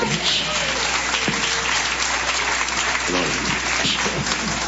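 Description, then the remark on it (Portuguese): A church audience claps steadily in a dense, sustained wash of applause lasting the whole stretch, with scattered voices calling out faintly underneath, as a pastor is welcomed. “Palma e glória.”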